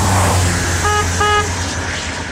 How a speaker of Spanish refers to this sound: vamos, toca la bocina.